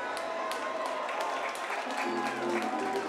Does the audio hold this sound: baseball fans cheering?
yes